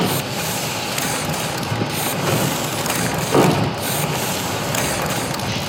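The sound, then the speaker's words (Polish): A steam engine piston, driven back and forth by steam pressure and attached to a wheel that turns, produces a steady mechanical clatter over continuous hissing noise, with a slightly louder knock near the middle and no voices. “To tłok, który pod wpływem ciśnienia pary wodnej porusza się w jedną i w drugą stronę.”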